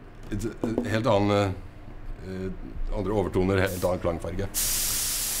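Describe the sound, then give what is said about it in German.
A person talks for a few seconds, then a loud, steady spray-paint hiss bursts in as a one-of-a-kind instrument is spray-painted by hand to the customer's wishes, continuing for about a second as the talking stops. “Jedes Instrument ist ein Einzelstück, von Hand gesprayt nach Wunsch des Kunden.”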